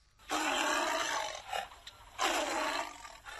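Two loud, rough roars from a tiger, the first long and sustained, the second after a brief pause, both harsh with no voices present.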